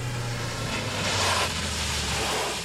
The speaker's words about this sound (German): Und kaum waren wir auf dem Jagdschloss angekommen, da hörten wir ein Auto vorfahren.